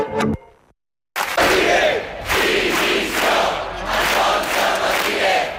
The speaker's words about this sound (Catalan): Són alguns dels crits que s'han sentit aquest migdia a Palma en contra de les càrregues policials que hi va haver en la manifestació de diumenge contra el turisme massiu.